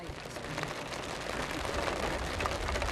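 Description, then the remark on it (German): Steady rain falls in a dense, hissing wash with fine crackling patter across the whole three seconds, holding an even, moderately loud level without pause. “Es besteht die Hoffnung, dass es bald aufhört zu regnen.”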